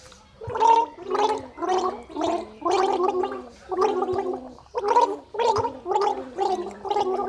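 Muffled, warbling music that sounds as if it's playing underwater: a steady run of about a dozen bubbling, gargle-like pulsing notes at a middle pitch, moderately loud and without voices.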